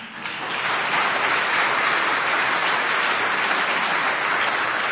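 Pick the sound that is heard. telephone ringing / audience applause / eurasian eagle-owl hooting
audience applause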